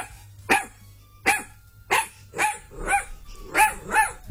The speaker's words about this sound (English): Tell us what dog this is, and you win a family pass to Magnetic Island. Here's the hound.